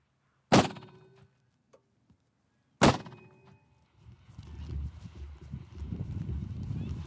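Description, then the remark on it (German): A gas cannon bird scarer, used to drive off ravens, fires two loud, sharp bangs a little over two seconds apart, each trailing off in a brief ringing decay, followed by a steady, rough low rumble of noise. “Mit einem Gasschussapparat will er die Vögel vertreiben.”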